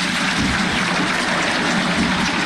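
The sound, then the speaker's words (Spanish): A football stadium crowd applauds steadily as Estudiantes de La Plata players raise their arms before a match against El Halcón de Varela. The dense clapping merges into a continuous roar of noise that holds an even loudness for the whole stretch, with no voices standing out. “Los aplausos.”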